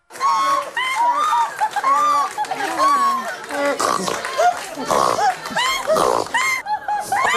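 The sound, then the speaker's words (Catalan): A rapid, nonstop string of exaggerated human laughs imitating a trumpet, snorting, a horse and a hen, loud, with each burst of squeals and honks tumbling into the next, gathered on a set of the French television programme "És la meva elecció". “El programa de televisió francesa, És la meva elecció, va reunir en un plató riures estrafolaris, en forma de trompeta, de ronc, de cavall, de gallina, tot el que sentireu està fet per un humà.”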